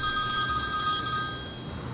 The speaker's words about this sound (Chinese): 赵博轩正在办公室打着电话，这时郑广美拨通了他放在桌上的手机。